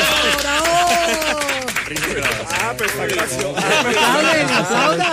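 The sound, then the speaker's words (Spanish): A crowd claps steadily throughout, a dense patter of hands mixed with overlapping voices shouting and cheering at close range, loud and sustained for the whole stretch. “Aplaudan, ¿por qué no aplauden? ¡Bravo! ¡Bravo!”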